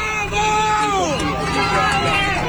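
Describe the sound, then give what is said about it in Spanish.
A crowd shouts loudly all at once, many overlapping raised voices forming a continuous, dense roar that barely lets up over a couple of seconds. “Y ahí empieza así, no se escucha por el video porque está muy, están gritando todos.”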